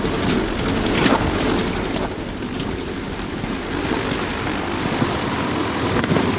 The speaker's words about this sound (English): But it's clear all is not well. The banging sound comes from one cylinder failing to fire properly.